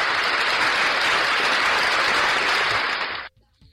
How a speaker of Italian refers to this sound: auguri e un applauso a te.